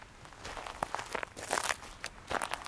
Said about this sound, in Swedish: Vad trampar jag på? Du trampar på grus. På tallkottar, alldeles riktigt, ja,